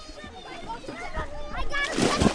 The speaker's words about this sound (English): Dozens of kids splash in a pond tucked among trees. It's one of three ponds at Hale Education, which runs a summer camp in Westwood with miles of trails to explore.